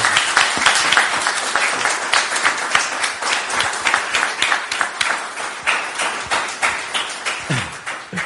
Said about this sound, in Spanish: Gracias. Un aplauso para él.